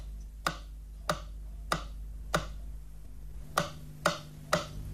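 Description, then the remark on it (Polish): A Polish Radio Program One stereo test signal on the left channel, for checking channel direction of stereo receivers: sharp, evenly spaced clicks, four ticks, a short pause, then three more, sounding alone over a faint low hum. “Dla sprawdzenia zgodności kierunków podane zostaną sygnały testowe kolejno na lewy i prawy kanał.”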